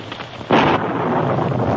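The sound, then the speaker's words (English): A sudden, loud crack of thunder bursts in over a steady noisy background, then settles into a sustained rolling rumble that carries on to the end, with no voices. “Hidden in a thick clump of shrubbery, they saw the Mountie revealed by a sudden flash of lightning just as he stepped onto the bridge.”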